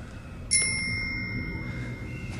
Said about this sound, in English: The giant faces them and rings the bell on a set of handlebars from a bicycle.